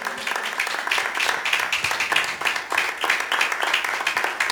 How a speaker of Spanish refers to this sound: Aleluya, palmas al Señor, gloria a Dios.